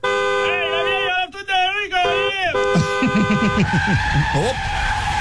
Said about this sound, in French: vient de se faire frapper par un camion monté.